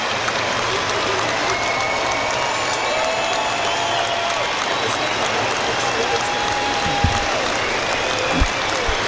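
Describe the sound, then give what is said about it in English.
A huge stadium crowd, all standing, applauds steadily for a minute's applause in memory of those who have died: a dense, unbroken wash of clapping at constant loudness, with a few whistles and calls rising through it. “So applause ring out around the ground for those no longer with us, in a mark of respect.”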